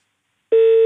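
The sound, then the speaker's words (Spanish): A sudden electronic beep from a mobile phone that was accidentally bumped cuts in after silence, a steady sustained tone holding for about a third of a second, fairly loud. “Perdón, pasé a llevar el móvil.”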